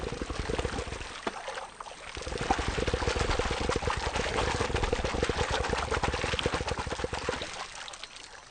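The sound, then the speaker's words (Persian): Male crocodiles raise their heads and tails from the water in a display of strength, their low, rapid throbbing vibrations churning the water and sending up a dense, sputtering patter of splashes that swells and holds steady for several seconds, fairly loud, with no voices. “تمساهای نر شکری با بلند کردن سر و دم از آب قدرت خود را نشان می دهند. این لرزه ها صداهای بسیار عجیبی را تولید می کنند.”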